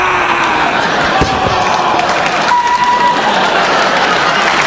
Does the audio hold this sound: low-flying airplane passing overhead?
no